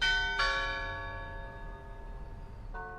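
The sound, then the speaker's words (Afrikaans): A large clock tower bell rings out twice, each deep, resonant strike leaving a long shimmering hum that slowly fades before the next one lands, with no voices present. The clock on Church Square (Kerkplein), Pretoria, South Africa; its four clock faces do not work yet, but the bell already rings at the correct times. “De Plooi sê die oorlosie gesigte werk nog nie, maar dat die klok op die regte tye reeds lui.”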